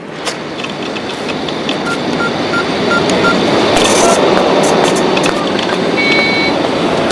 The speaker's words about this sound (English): walks up to an ATM and initiates a transaction.